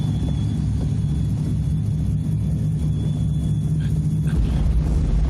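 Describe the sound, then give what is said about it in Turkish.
A loud, steady airplane engine rumbles, a deep droning roar with a faint high whine above it, continuous for the whole stretch with no voices. “Yürüyün, uçağa binin, hadi.”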